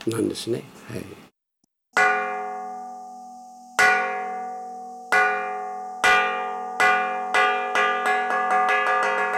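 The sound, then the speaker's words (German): A resonant metal gong at Tentokuji, a 300-year-old Buddhist temple in the city of Akita, is struck to call people to a meal, starting slow with long ringing decays, then speeding up into a rapid accelerating roll. Brief speech precedes the strikes. “Die Gongschläge rufen zum Essen.”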